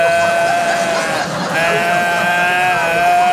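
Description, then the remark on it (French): A human voice imitates a bellowing deer with a loud, drawn-out, moaning call held for about three seconds at a steady pitch, breaking briefly midway before continuing. “2 jours que j'étais là, bramé comme un cerf. Comme ça que j'étais là.”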